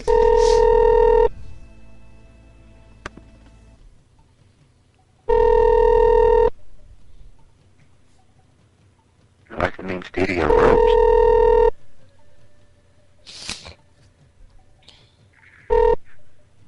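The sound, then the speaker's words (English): Telephone tones from a call to room 119 at Studio 6, East Brunswick: steady ringing tones in repeated bursts of about a second each, with short dialing beeps between them. A brief spoken phrase and a few clicks come in between the tones. “Let's call 119.”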